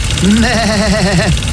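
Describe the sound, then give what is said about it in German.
A lawnmower engine drones for just over a second, a buzzy mid-pitched hum whose tone wavers up and down slightly, with no talking over it. “Und jetzt wird weiter gemäht.”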